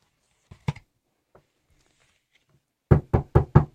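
A couple of soft, quick knocks on a door, a pause of near silence, then four louder, evenly spaced raps close by. No voices.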